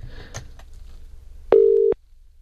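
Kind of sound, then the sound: signal or alarm, phone call ringing tone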